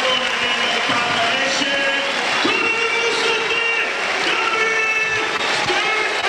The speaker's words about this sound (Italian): E questi sono gli applausi per Strefezza.